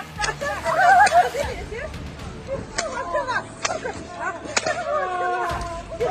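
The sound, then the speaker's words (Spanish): Sharp, loud whip lashes crack several times at irregular intervals, each a sudden snap, as looters caught in Ukraine are whipped, while a crowd murmurs and voices cry out in the background. “Les dieron una serie de brutales latigazos que tal vez garanticen que no se puedan sentar en varios meses.”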